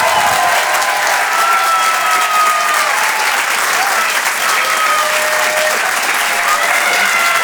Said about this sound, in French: Je vous demande de l'encourager et de l'applaudir très, très chaleureusement, s'il vous plaît.